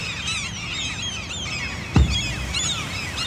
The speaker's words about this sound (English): Clearly the gulls were not happy, but neither were the oyster catchers.